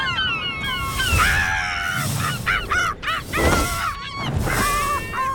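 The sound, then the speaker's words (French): A gull cries out loudly and repeatedly, its harsh, wailing calls tumbling over one another in quick succession, with no voices and a steady rush of background noise underneath. “On peut entendre le goéland pleurer tout au long de la journée.”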